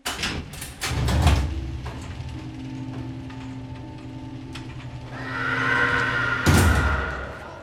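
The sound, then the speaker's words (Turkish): A heavy mechanical door opens with a burst of ratcheting clicks, then a steady motorized hum and rising whine, ending in a loud clunk. No one speaks. “Kapıyı aç hemen.”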